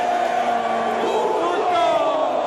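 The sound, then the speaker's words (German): A large crowd of home fans at a football match in Mexico lets out a loud, sustained collective shout as the opposing goalkeeper prepares a goal kick, many voices merging into one drawn-out roar that holds steady for a couple of seconds. “Der gegnerische Torwart bereitet einen Abstoß vor, der Geräuschpegel der eigenen Fans schwillt an und mündet in einen kollektiven Schrei.”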